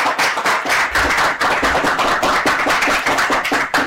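A room full of children clapping steadily together, a loud, dense patter of many small hands that keeps going without pause and with no one speaking.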